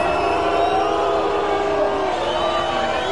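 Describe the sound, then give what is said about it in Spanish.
A large crowd at a World Cup celebration parade in Mexico City boos head of government Clara Brugada loudly and continuously, a dense, steady roar of many voices with drawn-out wavering tones and no pause over about three seconds. “Bueno, pues fuerte el abucheo contra Clara Brugada y es normal.”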